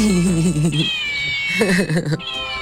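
A cat meows twice in quick succession, each call drawn out and wavering, heard up close over a faint, steady high-pitched tone in the background.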